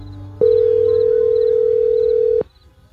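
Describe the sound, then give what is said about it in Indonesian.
A telephone dial tone for an outgoing call to someone's mother at night: one steady, loud electronic hum that starts abruptly, holds unchanged for about two seconds, then cuts off, over a faint low background. “Biasanya malam-malam gini aku lagi ngobrol sama ibu. Telepon ibu ah.”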